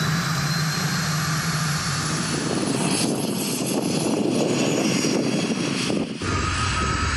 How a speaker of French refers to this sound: J'accélère, j'entends la turbine qui se met en route. C'est un truc de dingue.